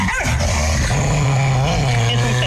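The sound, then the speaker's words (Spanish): A dog gives a sustained, tonal whine or howl-like bark, loud, holding steady for a couple of seconds with no one speaking. “Claro, es un perro.”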